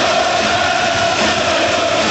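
A loud, steady roar from a large ice hockey arena crowd during a game against Slovakia, dense and continuous with a faint sustained tone riding on top; no one speaks.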